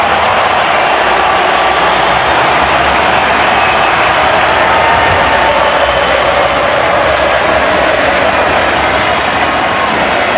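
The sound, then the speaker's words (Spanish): A large stadium crowd applauds Messi at the Argentina versus Jordan match, a loud, dense wash of clapping and cheering that holds steady without a break for the whole ten seconds, with no one talking over it. “Todo lo que aparece Messi se transforma en aplauso.”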